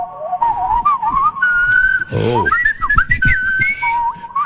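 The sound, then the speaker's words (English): A person whistles a wavering, meandering tune, the pitch sliding between notes over a few seconds, with a brief low vocal sound breaking in partway through. “That is not particularly good whistling for my money.”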